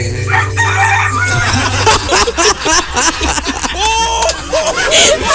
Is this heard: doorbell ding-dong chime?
no